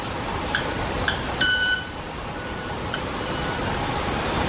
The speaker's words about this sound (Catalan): Pensava que era un sai que s'havia posat en marxa. Quasi. No, és l'ocellet que va fent les seves... Sembla un timbre d'alguna cosa d'aquestes... Sí. Sí, mira com van fent. Dels semàfors o una cosa així.